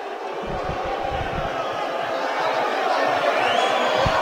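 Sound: stadium crowd booing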